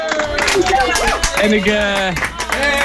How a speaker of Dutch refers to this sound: Mag ze zo een groot applaus voor Stichting voor de Kinderen?